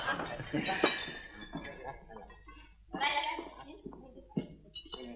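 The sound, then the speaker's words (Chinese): Several glasses clink together in a toast at a banquet, a few bright, sharp taps amid a small group of voices calling out for everyone to drink up, with the clinks coming in scattered bursts rather than a steady rhythm. “老九，陪众兄弟干了这杯。 来来来， 干干干干干干， 请干杯。”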